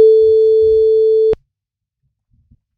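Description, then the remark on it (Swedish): A single long ringback tone on an outgoing phone call from the radio station Guldkanalen to a listener, a steady loud beep lasting over a second that cuts off abruptly, followed by near silence with a few faint clicks. “Nu ska vi ringa och kolla vad hon fick med sig för någonting.”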